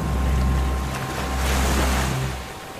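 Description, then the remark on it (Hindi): Ocean waves surge and wash in two broad swells around a seaside Shiva temple as the rising sea submerges its Shivling, a continuous roaring rush of water with some wind buffeting the microphone; no one speaks. “समुद्र का जल स्तर ऊपर चढ़ने की शुरुआत हो चुकी है।”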